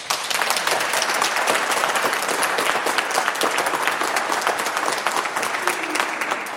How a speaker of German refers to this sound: Ja, das sind doch schon mal gute Hände, die man da hört.